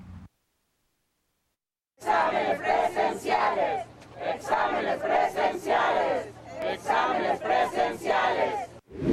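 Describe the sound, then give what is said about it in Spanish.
A crowd of about 100 applicants and some parents marching across a university campus chants in unison "examen limpio y transparente" (clean and transparent exam). Loud, rhythmic shouted phrases repeat in waves after a brief silence, with many voices blending together. “Al grito de examen limpio y transparente, alrededor de 100 aspirantes y algunos padres de familia marcharon por el campus universitario de la máxima casa de estudios.”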